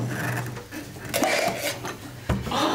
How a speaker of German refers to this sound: Irgendwer versuchen, dieses Glas aufzudrehen. Versuchen ja, schaffen nicht. Okay, vielleicht brauchst du das Küchentuch, ich weiß es nicht.